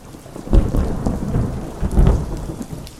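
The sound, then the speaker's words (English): Steady rain pours down with a low rumble of thunder rolling underneath, swelling twice in heavy bursts; no voices, just the continuous wash of a storm. “When you sing about rain, it rains.”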